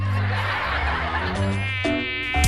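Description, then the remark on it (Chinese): A mosquito in a home whines in a steady, high-pitched drone that wavers slightly in pitch and grows briefly louder near the end, with no talking. “哎，老公，咱家有蚊子，你看我胳膊上都咬了好几个包了。”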